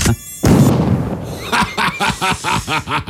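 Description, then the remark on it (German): A thin, high-pitched mosquito whine hums briefly in a studio, cut off by a sudden loud swat or thump, followed by a run of rhythmic, breathy snickering laughter. “Gott, jetzt ist hier einer im Studio. Was soll denn das? Warte, ich mach die kurz.”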